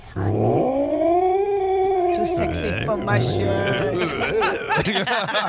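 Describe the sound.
A person imitates an irritated British Shorthair tomcat, Arnio, as when he was annoyed and waiting for food, producing a long, drawn-out whining meow followed by several shorter, choppier yowls, loud throughout.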